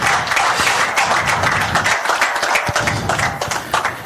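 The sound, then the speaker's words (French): Steady, dense applause from a large audience for the event's main organizer fills the whole stretch, many hands clapping at once in a continuous crackling wash with no talking over it. “Une bonne main d'applaudissements pour le maître de l'impôt”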